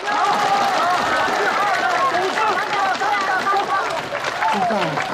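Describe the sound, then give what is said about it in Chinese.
Steady audience applause at a village evening gala in Baiyi Village, China, welcoming the first group on stage in a singing contest about village rules: dense, continuous clapping at a constant loudness, mixed with a busy babble of many voices and some cheering over it. “大家掌声鼓励。”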